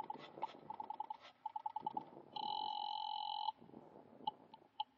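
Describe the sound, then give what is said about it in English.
A telephone rings on the line in quick electronic trilling bursts as a call is placed to the guard at the main gate, then holds a steady tone before a few short beeps. Clear, with no one talking. “You wait another half minute and then pick up the phone and call the guard at the gate.”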